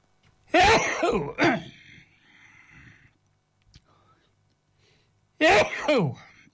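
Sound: sneeze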